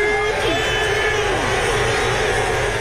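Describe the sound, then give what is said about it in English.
A large crowd of New Yorkers cheers and roars steadily at a parade from Battery Park to City Hall celebrating the Knicks' NBA championship, a dense wall of shouting and whistles with voices overlapping throughout, staying loud and continuous for the whole stretch. “Crowds have turned out for a massive parade for their NBA team that ended a 53-year championship drought when it beat the Spurs in Game 5, 94-90.”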